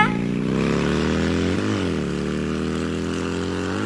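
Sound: motorcycle engine riding away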